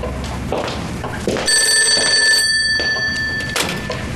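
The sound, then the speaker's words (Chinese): A telephone bell rings with a bright, steady metallic tone lasting a couple of seconds, layered over background noise and faint clatter, with no speech. “先接个电话。”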